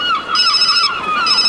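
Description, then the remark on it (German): A mobile phone rings loudly, a bright electronic ringtone of steady, buzzy tones that warble in a repeating pattern, with no voices. “Plötzlich klingelte das Handy.”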